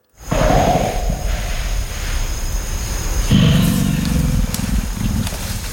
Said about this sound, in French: Et le deuxième, c'est un grognement un peu plus profond qu'on appelle belge.